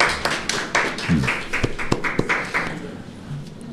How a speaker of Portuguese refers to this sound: É só dizer que está sendo aplaudido de novo pelo Brasil inteiro, né?